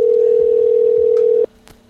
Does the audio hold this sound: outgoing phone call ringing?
yes